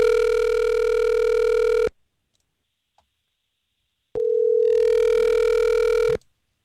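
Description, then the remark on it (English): A phone line rings twice as a Star 101.3 morning radio show places a call: two steady electronic ringback tones about two seconds long, separated by a silent pause. The tones are clear and fairly loud, with no voices. “Okay, let's go ahead and give her a call.”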